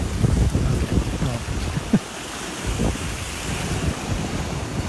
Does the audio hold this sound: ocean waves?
yes